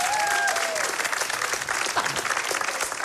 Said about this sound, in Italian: Un applauso.